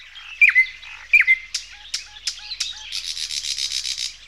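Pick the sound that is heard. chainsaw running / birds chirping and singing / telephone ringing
birds chirping and singing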